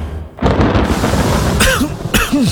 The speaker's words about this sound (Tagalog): Tagulan na. Uso na naman ang ubo.